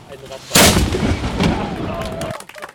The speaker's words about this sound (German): Eine kleine Böllerei, verursacht von der Rostocker Schützengesellschaft Concordia. Die hatte nämlich eine historische Schiffskanone auf dem Kanonsberg platziert und diese einmal abgefeuert.